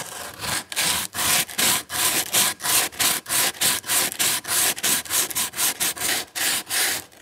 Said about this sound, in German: Ich nehme jetzt diesen Schleifkork und versuche jetzt mal einfach hier so drüber zu schleifen.